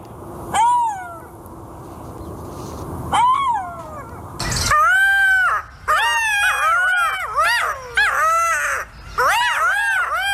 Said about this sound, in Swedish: vi har hittat ett smakprov på hur denna beryktade guldschakal kan låta. Och jag tänker att det är lika bra att vi lyssnar så att vi är beredda om den nu dyker upp i de svenska skogarna.